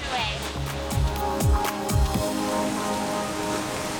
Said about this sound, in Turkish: Müthiş. Burada rüzgarı hissediyorsun. Üzerine sular sıçrıyor. Muhteşem.